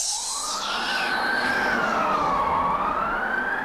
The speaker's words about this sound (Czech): Slyšíš? Tu fujavici. Až budou vrabci se střech padat.